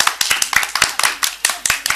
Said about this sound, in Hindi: ताली बजाइए।